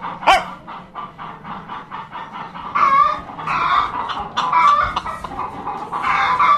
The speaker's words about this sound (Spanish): Dale al gallo. Dale, venga, va, dale. ¿No canta? Siempre sí.